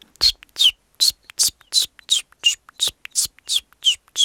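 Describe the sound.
A person mimics a chiffchaff's song with breathy, whistled chip notes repeated in a steady, even rhythm, about a dozen in a row, fairly loud.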